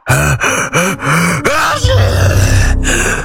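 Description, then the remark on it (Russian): A voice acts out a loud, exaggerated sneeze by the character Karabas-Barabas: a few gasping, pitched intakes of breath build up, then a harsh, noisy burst bursts out and lingers for over a second. “Чихнул Карабас-барабас с таким шумом, что Пьеро отлетел налево, Орликин направо, а Буратино завертелся волчком.”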